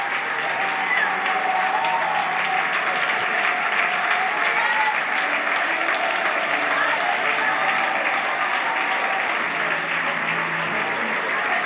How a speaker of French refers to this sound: Est-ce que l'on peut applaudir le roi des rois, le Seigneur des seigneurs, le Dieu de gloire ce matin?